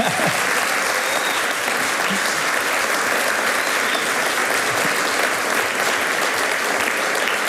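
Sustained applause from a large live audience at the Alpenfest in Lenggries during a live broadcast, a dense, steady wash of clapping hands that stays loud and even throughout, with no talking heard over it.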